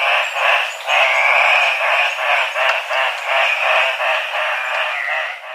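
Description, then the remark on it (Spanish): Andean cock-of-the-rock, the national bird of Peru, calling: a steady run of harsh, raspy, nasal squawks in quick pulses, fairly loud and continuous for several seconds, with no voices. Recording from the Colombian Bird Sound Bank compiled by the Humboldt Institute and Cornell University. “El trino del gallito de roca, ave nacional de Perú, forma parte del Banco de Sonidos de Aves Colombianas, recopilado por el Instituto von Humboldt y la Universidad de Cornell.”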